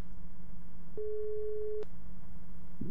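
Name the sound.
telephone ringing tone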